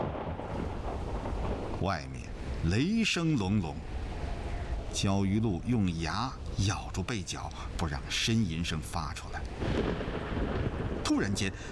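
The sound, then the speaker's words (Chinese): Deep, rolling thunder rumbles continuously outside late at night beneath a person speaking, with a steady wash of rain-like noise filling the background throughout. “外面雷声隆隆，焦裕禄用牙咬住被角，不让呻吟声发出来。”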